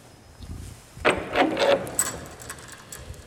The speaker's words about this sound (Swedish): Ja, på den ena dörren är det fäst en nyckel i glas. Den är formad som ett kors. Och den nyckeln ska hjälpa oss att låsa upp och öppna dörren in till skåpets djupa hemlighet. Så därför ska vi öppna skåpet nu.